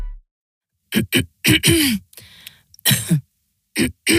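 A person coughs, a series of harsh, hacking bursts in short clusters with brief pauses between, followed by a quieter breathy stretch and two final coughs.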